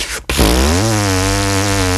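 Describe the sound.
A didgeridoo drone, made with vibrating lips, starts after a brief pause. It is a low, buzzing, harmonically rich tone that bends slightly at first and then holds steady and loud to the end.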